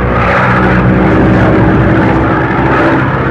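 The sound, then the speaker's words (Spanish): A steady, loud engine drone from a light propeller plane descending in a storm, dense low harmonics humming continuously without pause, filling the whole stretch with no voices. “La avioneta descendió hasta volar a la altura regular de acuerdo a su capacidad.”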